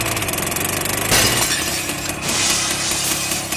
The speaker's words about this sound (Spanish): De la nada, el tractor se puso en marcha y luego acelera. Vea cómo la máquina se aferra a irrumpir en la tienda y rompe el vidrio como si fuera una galleta de sal.